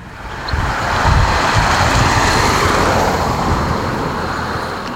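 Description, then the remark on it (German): Wind blows steadily outdoors on the long district road through Oberplötz in Plötz, Saalekreis near Halle, on a mild, windy, sunny Monday evening, 15 June: a broad rushing roar with low rumbling buffets against the microphone, fairly loud and continuous throughout, with no voices. “Ein milder, windiger, fast frischer Montagabend hier, der 15. Juni.”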